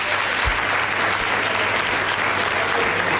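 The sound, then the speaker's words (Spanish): Sustained applause from parliamentarians of the Andalusian parliament, the Partido Popular members standing, as Juanma Moreno is re-elected president of the Junta de Andalucía; a dense, steady wash of clapping at even loudness throughout, with no speech over it. “Los aplausos a Juanma Moreno, que repite como presidente de la Junta de Andalucía en esta tercera legislatura, con él al frente del gobierno.”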